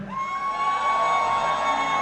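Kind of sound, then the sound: crowd, audience shouting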